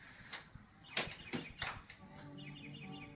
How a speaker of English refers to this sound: I heard music. There's no music, only a bird singing. Oh, that's music.